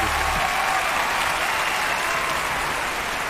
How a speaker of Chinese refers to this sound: 非常感谢二位给我们带来这段非常精彩的相声段子，来，再次把掌声送给他们，感谢， 谢谢， 谢谢二位，谢谢。